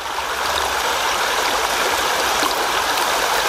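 river water flowing

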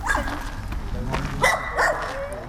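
dog barking

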